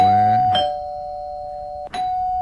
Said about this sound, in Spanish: Así sonó, ¿verdad? Mira, tenemos nuestro timbre.